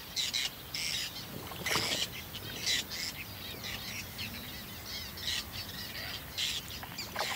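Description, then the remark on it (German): A busy chorus of terns calling at a breeding colony with nests resting on water knotweed, with repeated harsh, high-pitched cries overlapping in irregular bursts above a steady low background hum. “Die Seeschwalben brüten hier spät.”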